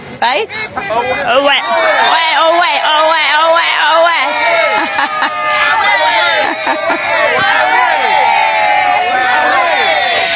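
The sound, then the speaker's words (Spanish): Ghana football fans in a stadium in Boston cheer and shout without pause, many voices overlapping in rising and falling yells and whoops, with a dense babble of chatter underneath throughout. “Así que este es el ambiente genial que trae la gente de Ghana a estos partidos, y la mayoría de ellos han venido de Estados Unidos para acompañar a su selección.”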